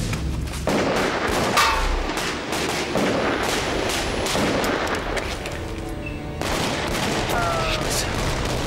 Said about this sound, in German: Görbis, ihr bringt Jenny heraus, ich gehe Feuerschutz. Los. Fertig. Und go!